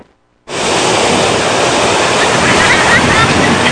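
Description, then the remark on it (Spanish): After a brief silence, a sudden, steady roar of high surf from a ground swell sets in on beaches in Acapulco such as Playa Papagayo, Caleta and Caletilla, a dense, loud wash of crashing water that continues without pause, with no voices heard. “el alto oleaje que se pudo percibir en algunas playas, como lo es Playa Papagayo, Caleta y Caletilla”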